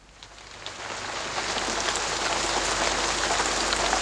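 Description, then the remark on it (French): Steady rain pours down in a dense, hissing wash with countless tiny drop patters, swelling slightly louder after the first second and holding constant, with no voices. “La pluie ne cesse de tomber dans l'album dont nous allons parler maintenant, tant et si bien qu'un barrage est sur le point de céder et la ville entière est menacée.”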